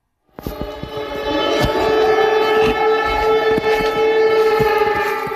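Air raid sirens wail steadily and loudly in Poland during a night of strikes, a sustained layered tone that starts abruptly and holds without pause, with faint clanking noises underneath and no talking.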